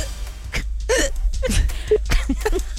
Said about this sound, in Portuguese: Soluço.